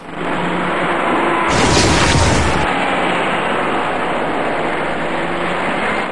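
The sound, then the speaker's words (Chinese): A single loud boom, apparently the left rear tire of a large truck in the middle lane blowing out, bursts out over steady, continuous highway traffic noise, lasting about a second before the roar of passing vehicles carries on. “这辆行驶在中间车道里的大货车，车身突然出现了问题，它的左后侧轮胎位置像是出现了爆胎，而后一个类似轮胎外胎的物体掉落在车道之中。”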